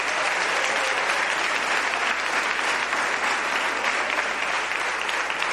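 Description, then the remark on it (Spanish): An audience at a church service breaks into loud, sustained applause for the Lord, a dense wash of clapping that holds steady at full volume for several seconds without any voices rising above it. “Por eso, dile fuerte el aplauso al Señor.”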